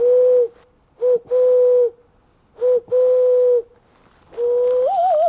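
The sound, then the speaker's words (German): In a dense forest, a man imitates wood pigeon and owl calls with his voice, giving a series of steady hooting notes in short and long bursts separated by pauses, the last call wavering upward. “stellt die Laute von Tauben und Eulen für mich nach.”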